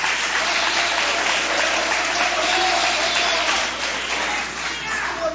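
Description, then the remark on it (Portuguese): A crowd claps hands together as applause for Jesus at a church service, in a steady, dense wash that holds loud and even throughout, easing slightly near the end, with no single claps standing out. “Tomai o assento, a melhor salva de palmas você vai dar para Jesus. Bem forte as tuas palmas e o teu glória a Deus.”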